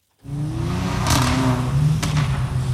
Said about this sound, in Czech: Na nedalekém parkovišti se v noci scházejí majitelé sportovních aut, předvádějí, co jejich vozy umí, turují motory, driftují a také troubí na klaxony.